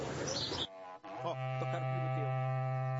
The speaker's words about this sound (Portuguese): Queria pedir para tocar o berrante. Para curar todo o estado de Goiás aqui, estado de Nerópolis.